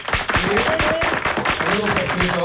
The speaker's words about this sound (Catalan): Aplaudim, aplaudim.